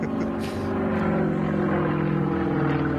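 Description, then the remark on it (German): An Extra 330 propeller aerobatic plane flown by pilot Wladimir Jakuschew roars past during a timed aerobatic gate race, its engine a loud, steady buzzing drone with a strong harmonic whine that holds for the whole few seconds. “Ein Extra, 330, Pilot Wladimir Jakuschew.”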